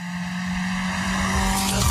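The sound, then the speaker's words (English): A car, a Tirana driven by Stan, revs hard and builds in loudness as it accelerates past a studio, ending in a rushing swell and a dropping pitch as it roars past. No one speaks. “Stan literally just guns the Tirana past the studio.”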